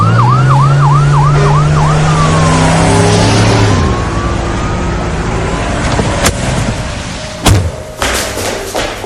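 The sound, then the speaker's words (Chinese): A police van siren yelps rapidly, then shifts into a slower falling wail as the van drives into a club compound and stops. A few sharp thuds, like doors slamming, follow as several police officers rush out of the van. No one speaks. “就在这么一光景，一辆面包警车开进了会所啊。”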